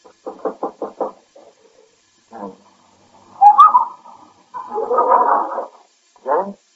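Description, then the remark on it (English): Five quick, evenly spaced knocks on a door, fairly loud, then a quiet pause and a few softer, muffled tonal sounds. “Knock on his door, he'll probably still be in bed.”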